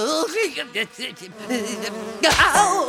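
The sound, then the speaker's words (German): Bees buzz around in a steady, wavering drone whose pitch rises and dips as they circle, swelling into a louder, busier burst near the end. “Beim Anblick der herumschwirrenden Bienen”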